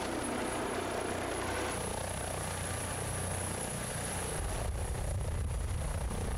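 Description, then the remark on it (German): A rescue helicopter, called in by the island doctor for an emergency, gives a steady, loud rotor drone with a deep throbbing pulse and broad engine whine, continuing unbroken for several seconds with no voices. “Der Inselarzt übernimmt die Erstversorgung und fordert den Rettungshubschrauber an.”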